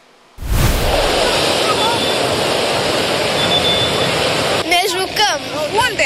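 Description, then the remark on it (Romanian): A loud, continuous roar of large, dangerous sea waves crashing onto a beach in the south, with strong wind mixed in and a red flag raised; a voice starts speaking over the surf near the end. “În sud, marea este interzisă, vântul puternic a ridicat steagul roșu, iar valurile periculoase îi țin pe turiști blocați pe nisip.”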